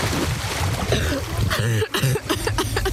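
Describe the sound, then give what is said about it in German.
Steady water splashing fills a busy swimming pool at the Totobad in Saarbrücken, with scattered voices and shouts echoing in the background and no clear spoken words. “Sie holt ihr Schwimmabzeichen nach und gönnt uns währenddessen mal eine kleine Abkühlung hier für die Ohren. Im Totobad in Saarbrücken.”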